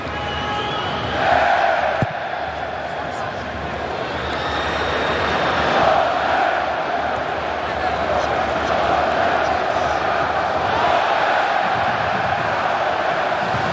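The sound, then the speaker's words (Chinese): A football stadium crowd performs a unison Viking war chant, collective shouts and claps rising over a steady, dense roar of fans that stays loud throughout. “现场多位球迷再度开始了整齐划一的维京战吼。”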